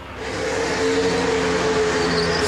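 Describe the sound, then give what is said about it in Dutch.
After the green flag is waved, the first three Formula 1 cars drive out of the pit lane with a steady, loud mechanical roar and whine, sustained tonal engine notes holding throughout with no voices. “Betekent dat we onderweg zijn en de eerste 3 auto's rijden naar buiten.”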